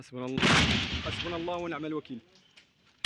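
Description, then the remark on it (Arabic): A loud burst of gunfire cracks out near the start and rings on with a long echo while a man keeps talking, followed by a fainter pop after a pause, as the army carries out sweep operations in the towns of Kafriya and al-Fu'ah. “رداً على ذلك، فقد دفع الجيش بتعزيزات عسكرية إلى بلدتي كفرية والفوعة، حيث جرت عمليات التمشيط وسط أصوات إطلاق نار متقطع في خطوة وصفتها المصادر بأنها محاولة لفرض سلطة القانون.”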